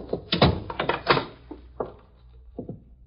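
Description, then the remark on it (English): A door is opened with a burst of clattering, knocking thuds and rattles, followed by a few scattered softer bumps and taps that fade toward the end. “Why'd you open the door right away, Hooker?”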